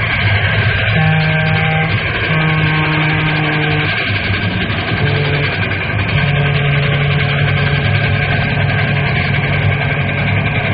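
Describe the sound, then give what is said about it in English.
The Fireball Express train roars past a railroad crossing with wooden cross arms in a loud, steady rumble, with sustained horn-like tones sounding in several long blasts over the churning engine noise. No one speaks. “Hey, look at that monster come roaring.”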